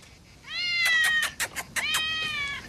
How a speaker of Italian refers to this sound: Ehi, bello, micio. Vieni qua, vieni.